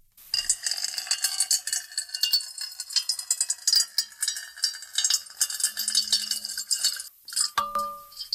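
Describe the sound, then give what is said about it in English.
Water pours steadily into a metal bowl for several seconds, a bright, continuous splashing with a faint metallic ring that lingers briefly as the pour ends. No one speaks. “And now a little ASMR, water being poured into a metal bowl.”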